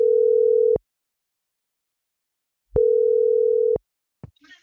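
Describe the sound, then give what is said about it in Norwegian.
A steady telephone ringback tone sounds in two long bursts separated by silence as radio station P4 calls a contest winner, followed by a click as the line is picked up. “… i P4 som ringer.”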